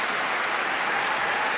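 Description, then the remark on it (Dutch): A large concert audience gives a standing ovation after a choir's performance of a Mass by Martin, a dense, continuous wash of clapping with no breaks and no voices rising above it. “En het mooie is, het publiek blijft gewoon staartklappen.”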